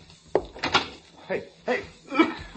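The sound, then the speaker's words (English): The door to the hall of a house is opened, starting with a sharp latch click, followed by a few soft knocks and rustling movement, with faint muffled voices. “Open the door to the hall.”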